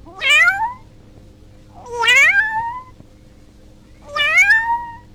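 A kitten meows three times, each cry rising then falling, spaced about two seconds apart. The meows are clear, with only a faint low hum between them.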